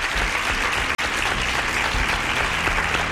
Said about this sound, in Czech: Ano, je to tak. Tleskám vám.